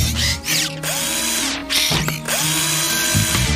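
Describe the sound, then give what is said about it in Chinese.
A power screwdriver, used to build a skateboard ramp, whirs in a few loud bursts, each high-pitched motor whine rising and settling as it runs, separated by short pauses with a faint ratcheting edge. “我可以帮你完成这个斜坡，慢，螺丝起子。”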